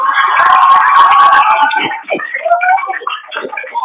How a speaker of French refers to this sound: Alors, je voudrais m'arrêter sur ce candidat-là et solliciter encore vos applaudissements.